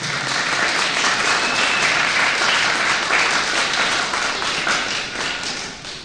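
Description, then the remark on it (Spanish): An audience applauds for the Lord: a steady, dense wash of many hands clapping at an even, loud level that fades slightly toward the end, with no voices standing out. “Otro aplauso al Señor, por favor, que nos ha privilegiado.”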